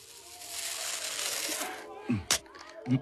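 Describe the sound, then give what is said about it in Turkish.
A long, steady rasp of tape being pulled off a roll, followed by a few quick taps and thumps as it is pressed and stuck down over a handcuffed person's mouth, with no voices. “Ağzını da bir güzel bantla.”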